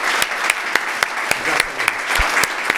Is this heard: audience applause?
yes